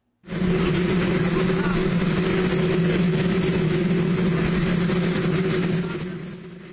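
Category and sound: vehicle, waiting helicopter engine noise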